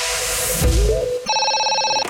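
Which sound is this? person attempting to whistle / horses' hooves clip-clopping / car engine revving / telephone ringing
telephone ringing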